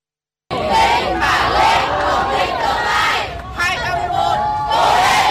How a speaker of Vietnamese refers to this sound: Bước ra khỏi phòng thi, những tiếng vỗ tay cổ vũ của lực lượng thanh niên tình nguyện và cha mẹ phần nào động viên tinh thần thí sinh.